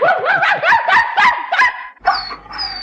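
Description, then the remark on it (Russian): A typical central Russian mongrel dog barks in a quick run of about seven sharp, yappy barks, then breaks into a couple of high, drawn-out whining yelps. No one speaks. “Славный пес, честное слово.”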